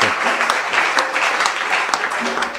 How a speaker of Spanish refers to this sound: Su trabajo es apreciado. Vamos a dar un aplauso grande para este grupo de...